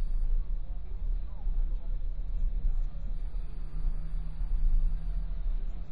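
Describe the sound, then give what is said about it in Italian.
A car creeps along in slow traffic behind a slow driver, the speedometer barely rising; its steady low engine and road rumble drone continuously throughout, with faint muffled voices in the background. “Siamo appunto dietro a uno di questi esseri che ci costringe ad andare a una velocità per la quale il contachilometri non si alza e non c'è assolutamente niente da fare.”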